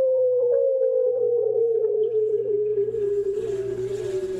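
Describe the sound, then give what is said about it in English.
An underwater bearded seal mating call, made by a male in spring, recorded by hydrophone through a hole in the ice in April off Diomede Island in the Bering Sea: one long, loud warbling trill that glides steadily downward in pitch, over a low steady drone, with faint hiss building toward the end. “Drill a hole through the ice in April off Diomede Island, drop in a hydrophone, and you're likely to hear some strange sounds in the Bering Sea, including the mating call of the bearded seal.”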